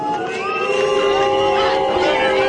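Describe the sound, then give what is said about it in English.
A large crowd of far-right AfD supporters at a campaign event in Saxony-Anhalt, Germany, boos Chancellor Friedrich Merz loudly and continuously, many voices merging into a sustained, droning jeer that fills the whole stretch without pause. No clear words stand out. “During campaigning in Germany's eastern Saxony-Anhalt state last week, Chancellor Friedrich Merz was booed by far-right AfD supporters.”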